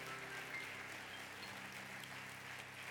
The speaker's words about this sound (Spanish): Entonces aplauda a Dios que está en este lugar. Apláudale, apláudale.